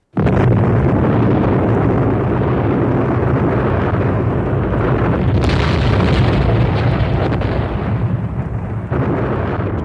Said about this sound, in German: Explosion peitschte durchs Universum mit der Kraft von Billionen von Megatonnen und löschte alle bekannten Lebensformen aus und ließ nichts zurück, nur Schweigen.